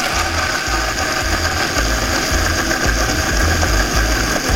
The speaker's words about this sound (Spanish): vamos a licuar esto muy bien. Vamos a empezar.